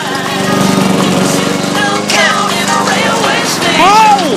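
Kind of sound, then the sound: machine, lawn mower running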